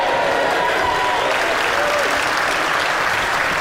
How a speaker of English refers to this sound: A room shouting shame because it's so obvious.